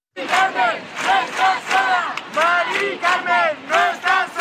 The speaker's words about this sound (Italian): Il centro di Madrid è stato bloccato da un corteo di migliaia di persone che urlava: Mari Carmen non è sola.